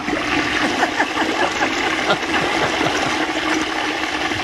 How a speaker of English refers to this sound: It's a strong toilet. That's a long flush. Yeah, it is.